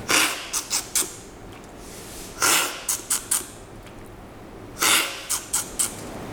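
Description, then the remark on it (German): Sharp, airy slurps of coffee being drawn in hard during a coffee tasting, arriving in quick bursts: a longer slurp followed by two or three short sips, repeated three times with brief quiet pauses between. “Jetzt wird man 5 Minuten im deutschen Radio dein Schlürfen hören.”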